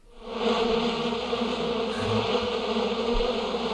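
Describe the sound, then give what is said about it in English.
A steady, droning buzz of many bees, fairly loud, holding a constant hum throughout with no pauses and no voices. “Bees in the studio, David.”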